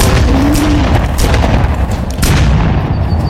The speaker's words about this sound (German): Sie haben ihn nicht getroffen. Das wollte ich auch nicht. Die Schüsse haben ihn auch so vertrieben.